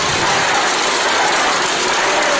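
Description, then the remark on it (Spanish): A large crowd whistles and jeers at the president in a loud, continuous wall of noise that stays dense and unbroken for a couple of seconds, with no single voice standing out. “Van a oír una rechifla que se llevó la presidenta.”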